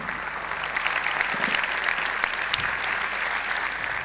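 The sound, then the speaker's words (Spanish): Steady, dense applause from a large audience at a political gathering, for colleagues who served in government, many hands clapping at once in a continuous, even roar that holds for several seconds with no speech over it. “a tantos compañeros y compañeras que merecen un fuerte aplauso también de todos los que están acá”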